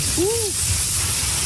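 Heavy rain pours down in a dense, steady hiss that stays even throughout, with a brief rising-and-falling tonal note near the start.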